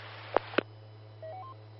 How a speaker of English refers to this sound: Hey, I'm getting a phone call. I'll be back in a minute.